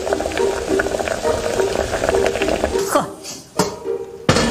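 Swimming crabs steam in a pot over cabbage in a kitchen, a steady bubbling and hissing with crackling pops as the cabbage at the pot bottom scorches, then a brief clatter near the end as the sound suddenly thins out.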